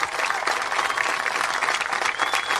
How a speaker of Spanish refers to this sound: Así que un fuerte aplauso para ellos, por favor.